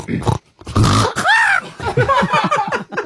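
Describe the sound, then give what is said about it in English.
A person imitates a pig stubbing its toe: a rough grunt, then a sharp arching squeal like a yelp of pain, trailing into a string of snorting, whiny vocal noises. “Okay, so I would like you to be a pig that that stubs its toe.”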